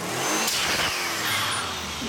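A car engine fitted with an air filter and a big dump valve revs loudly in a short burst, rising and falling with a sharp hiss of air from the dump valve, over steady engine noise without any talking.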